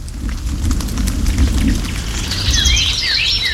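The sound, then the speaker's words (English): Steady, heavy rain hisses throughout while a deep rumble of thunder rolls underneath; near the end, bright bird chirps break through the downpour. “So rather than fly, many birds perch and conserve energy during a storm.”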